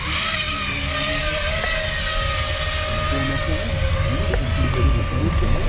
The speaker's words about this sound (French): Donc 50 000 tours par minute, ça fait que bah, si vous mettez votre doigt ou quelque chose, bah, vous pouvez avoir très très mal. Oui. Donc dans un premier temps, je viens préarmer mon drone et l'armer. Et là, je suis en mesure de décoller.